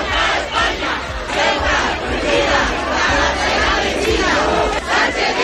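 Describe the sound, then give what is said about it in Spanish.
A large protest crowd shouts and chants together in the Plaza de la Constitución in Ceuta, a dense, continuous roar of many voices that stays loud throughout. “Terminaría con un escenario oficial, la Plaza de la Constitución, con gritos...”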